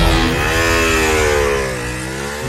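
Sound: motorcycle engine revving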